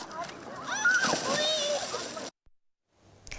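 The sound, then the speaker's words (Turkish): Children splash and play in the sea, swimming to cool off, with busy splashing and excited young voices for about two seconds before the sound cuts to near silence, then faint background noise returns. “Serinlemek için çocuklarımızı getiriyoruz. Onlar denize girerek eğleniyorlar.”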